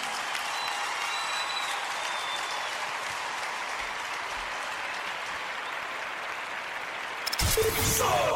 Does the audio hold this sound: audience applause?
yes